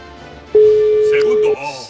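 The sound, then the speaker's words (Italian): A single steady telephone ring tone, the first ring in a game, one low pure beep lasting about a second, sounds loudly over faint background chatter, with voices continuing after it stops. “Primo squillo.”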